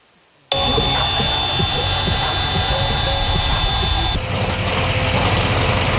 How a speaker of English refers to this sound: This peace and serenity in this national park is often shattered by the screams of power tools.